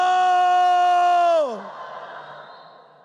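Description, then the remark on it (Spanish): A single loud, sustained shout from one voice, held steady for over a second before sliding down in pitch and trailing off, mimicking the cry of the people of Israel when the ark of the covenant reached the camp. “¿El pueblo qué hizo? ¡Gritó!”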